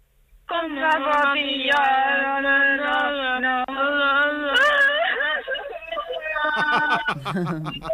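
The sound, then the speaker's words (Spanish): A voice imitates a deranged, crying wail: one long, loud, wavering howl lasting several seconds, breaking into choppy sobbing sounds near the end, with a thin, telephone-like tone. “El llanto es que me ha gustado mucho, ¿eh? El llanto del loco.”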